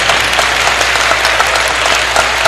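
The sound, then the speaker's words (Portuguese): Sustained audience applause for the girls of a coronation of Our Lady (Nossa Senhora) at a church service, a dense wash of many hands clapping steadily at a fairly loud, even level with no voices standing out. “nossas palmas para as meninas da coroação.”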